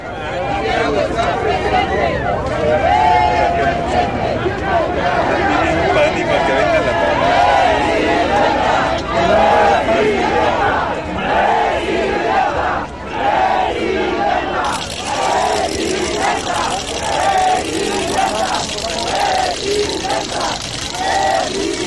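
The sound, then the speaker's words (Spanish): A large crowd shouts and chants "coordinador, coordinador" in unison as Santiago Nieto Castillo is received into the venue at an event in Querétaro, voices rising and falling in a steady rhythmic pattern, loud and sustained throughout with a dense babble underneath. “Bajo gritos y consignas que le decían "coordinador, coordinador", fue que lo recibieron en el recinto.”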